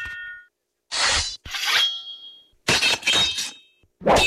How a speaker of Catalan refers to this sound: Però és soroll d'espases, no de fusta, eh? No, això és real